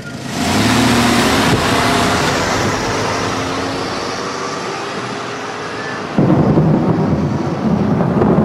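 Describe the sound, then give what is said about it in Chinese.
A car engine is started abruptly and idles with a steady hum, then revs louder as the car reverses out of a garage, the rumble prominent with no voices. “他猛地发动了汽车，把汽车倒出了车库。”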